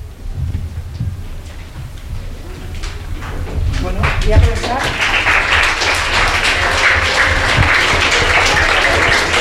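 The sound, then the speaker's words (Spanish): An audience breaks into loud, sustained applause for all the participants, dense crackling clapping building up after a few seconds and holding steady to the end, with some murmur and low rumble underneath. “Ese aplauso muy fuerte para todos los que habéis participado”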